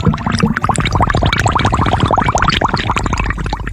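Rapid, dense bubbling in water, a steady stream of gurgling pops and blips at varied pitches, fairly loud and continuous throughout with no voices.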